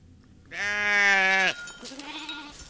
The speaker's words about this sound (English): On the northeastern Navajo Nation, herders and weavers are bringing dozens of Churro sheep and goats up to the Carrizo Mountains.